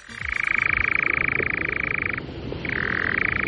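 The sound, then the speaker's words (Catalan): A European nightjar's dry, mechanical churring trill, heard at dusk in Catalonia, runs steadily and loudly for about two seconds, breaks off briefly, then resumes at a slightly different pitch over a faint outdoor background. “És un ocell que es diu enganyapastors.”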